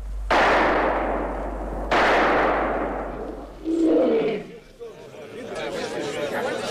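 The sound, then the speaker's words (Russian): Two loud gunshots about a second and a half apart, firing explosive bullets that hit a lion in the head, each with a long booming decay, followed by a short vocal cry and faint murmuring voices. “Две разрывные пули угодили льву прямо в голову, и в тот же миг Тартарен увидел двух огромных разъяренных негров, бежавших к нему с поднятыми дубинами.”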